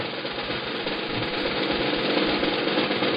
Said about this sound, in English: Here, I've got a hat. There's folded up pieces of paper in it. Can you hear it?